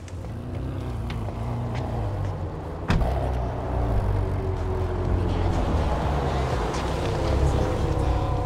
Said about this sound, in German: Was los? Wagen springt nicht an. So kenne ich den gar nicht.